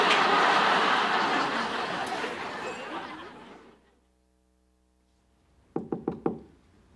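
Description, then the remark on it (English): A loud wash of noise fades to near silence, then four quick, firm knocks land on a hotel room door in close succession, clear. “Lilith sorts her hair, then answers her hotel room door.”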